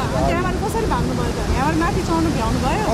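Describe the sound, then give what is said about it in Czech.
Loud, steady rushing of a still-flooded river in the mountains fills the whole scene, a continuous roar of floodwater, with people standing near the river talking over it. “přivezl s sebou z hor spoustu natočeného materiálu, mimo jiné zachytil lidi stojící kousek od stále ještě rozvodněné řeky.”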